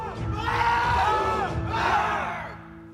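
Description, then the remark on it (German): A group of Jugger players at the Breitenfelder SV roars out a loud battle cry together, two sustained swells of overlapping shouting voices over about three seconds, energetic. “Schreien befreit.”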